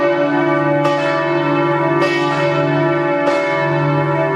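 Church bells across the dioceses of Lorraine, France, ring out to announce that Pope Leo XIV's plane has landed at Nancy-Metz airport: a steady, overlapping peal, three distinct strikes about every 1.2 seconds over a continuous, humming resonance of sustained tones. Loud and clear, no voices.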